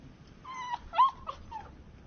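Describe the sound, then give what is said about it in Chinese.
A small stray dog cowering under a sofa whimpers in several short, high, quavering whines, moderately loud, with brief pauses between them and no talking. “看着缩在沙发底的小狗，苏明成只好蹲在地上把它引出来”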